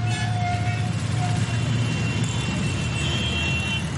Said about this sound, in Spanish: Pero sobre todo, por encima de todos los ruidos, engorda la contaminación acústica que produce el tráfico intenso en las ciudades.